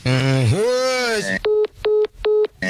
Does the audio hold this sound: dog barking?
no